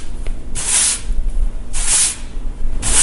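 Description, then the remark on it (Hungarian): Something being swept together: three brisk, scratchy swishes of a broom, fairly loud, spaced about a second apart with a low rumble underneath and no talking. “Mivel összesöpörtek valamit? Rendben van, igen.”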